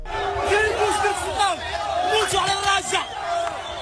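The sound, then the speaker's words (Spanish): A dense crowd of thousands of migrants shouts and yells at once, after arriving by swimming or jumping the border fence from Morocco into the Spanish enclave of Ceuta; overlapping cries rise and fall in pitch over a constant roar of babble, loud and sustained throughout. “Lo que escuchamos al fondo son los gritos de miles de migrantes que han llegado nadando o saltando la valla fronteriza desde Marruecos hasta el enclave español de Ceuta.”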